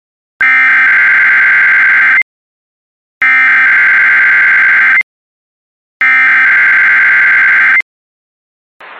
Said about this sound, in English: The preceding signal was a test of the public warning alarm system for weather radio station WNG647.